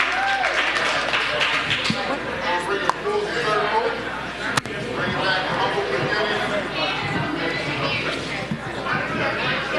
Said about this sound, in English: give him a large round of applause. That's not large, y'all. Don't make me beg for it.